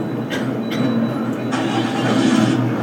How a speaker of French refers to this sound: Vous montez dans un bus.